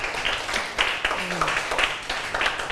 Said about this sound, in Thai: โอเคอ่ะปรบมือเพื่อนก่อน